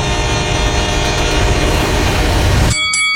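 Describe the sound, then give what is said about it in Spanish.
A train rumbles loudly past, its dense low roar and steady horn tones filling the scene, then cutting off abruptly near the end with a brief sharp ringing. “Todos los días, muchos tientan su suerte y mueren arrollados por trenes. Ve carrileras, piense tren.”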